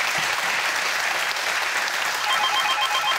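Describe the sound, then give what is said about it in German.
Steady, dense applause fills the whole clip at an even loudness, sent over the phone to a prize-winning caller in Buchholz in der Nordheide, with a faint repeating electronic tone or ring appearing over it toward the end. “Der Applaus geht zu Ihnen nach Buchholz in der Nordheide.”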